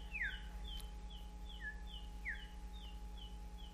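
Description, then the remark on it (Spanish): A chick peeps repeatedly while being given rice, short high descending chirps coming every half second or so, fairly faint over a steady low electrical hum, with no voices. “Y arroz para el pollito.”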